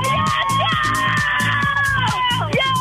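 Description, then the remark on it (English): A small group, a caller with a sister, best friend and niece calling in to Lightline, screams and cheers loudly and wildly for a few seconds to get a song played, high-pitched shrieks held steady over a rough, rhythmic clamor that never lets up. “You're going to have to scream really loud and get real crazy.”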